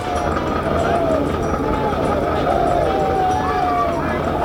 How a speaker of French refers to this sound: Les cris que vous entendez sont ceux des troupes qui se préparent à s'élancer à l'assaut.